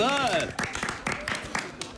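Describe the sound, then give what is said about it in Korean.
Scattered hand claps, about five sharp irregular bursts, follow a rising and falling vocal cheer, welcoming the night's headliner group on the show ZEROBASEONE's Close Friend. It is a thin, brief round of applause at moderate loudness with voices mixed in. “박수.”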